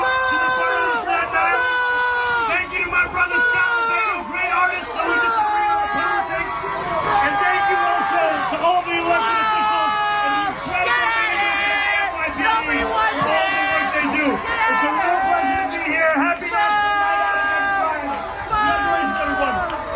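A large crowd at an NYPD event on Staten Island boos, shouts and curses angrily at the mayor during his short one-minute address. A dense, loud roar of overlapping jeering voices fills the full stretch, with no single voice standing out.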